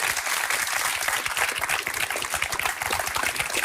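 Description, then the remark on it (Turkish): Steady applause from an audience, a dense crackle of many hands clapping at a constant loudness throughout, with no voices standing out. “Böylesi bir alkış ama canlı daha iyi.”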